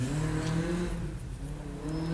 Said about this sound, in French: Un connard avec une voiture rallye.